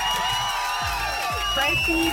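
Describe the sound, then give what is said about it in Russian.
Applause and cheering from a crowd played on a Europa Plus radio show, a dense, steady wash of clapping with whoops rising over it, mixed with bright music-like tones throughout the short burst. “И эти аплодисменты для тебя.”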